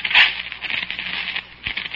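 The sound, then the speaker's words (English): A match is struck at the edge of a dug hole and flares with a bright hiss, then sputters and fizzles out in the rain under steady rain patter, fairly loud before the hiss fades out. “And in the light from the match before it fizzled out in the rain, I saw what had made the sound.”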